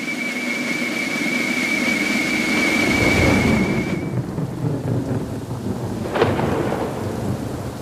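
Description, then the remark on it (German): A thunderstorm rumbles with heavy, continuous rain and deep rolling thunder, a sharp crack breaking through near the end; a thin steady whistle-like tone rings over the first half. “Entweder ist Unwetter oder es ist zu trocken.”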